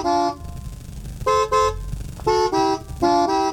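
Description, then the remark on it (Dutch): A thin, feeble car horn gives a string of short toots: one, then three quick pairs at shifting pitches, honked to play a little song tune, fairly loud over faint background hum. “Wel een beetje zielig toetertje.”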